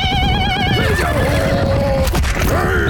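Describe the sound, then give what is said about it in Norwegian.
A horse whinnies loudly, a long wavering neigh that starts high with rapid vibrato and slides down in pitch, followed by a second rising whinny, over a low rumbling background. “For kampene han dømte ville vært ute på de mongolske stepper, der etterkommere av Genghis Khan spilte hodeskalleball fra hesteryggen.”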